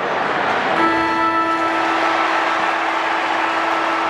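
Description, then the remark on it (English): A final siren at an Adelaide Crows football match, after Josh Rochelli's final set shot goal seals Adelaide's win, sounds as a steady, buzzing horn-like tone that starts about a second in and holds a constant pitch to the end, over a loud, continuous crowd roar. “The siren will sound.”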